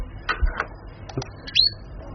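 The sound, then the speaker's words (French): Short, simple bird calls: a few brief chirps and clicks, ending in a clear high-pitched whistled note that rises and slides, heard alone without any talking. “Ça, vous avez des cris simples.”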